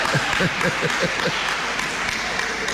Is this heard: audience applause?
yes